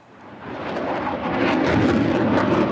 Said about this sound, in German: Tausende Besucher drängen sich am Zaun vom Rollfeld, wenn Eurofighter oder Tornado über die ILA donnern. Manchmal fliegen sie kopfüber, beim nächsten Mal machen sie ein Looping.